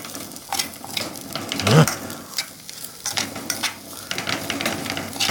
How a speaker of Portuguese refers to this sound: Ele tá virando um arroz ali, quentando arroz com a mão, mexendo a colher ali com a mão.